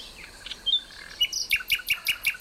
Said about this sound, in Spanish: Esto es un ruiseñor común, en plena expansión nocturna. Los ruiseñores cantan de noche. Nada común, su canto, y maravilloso.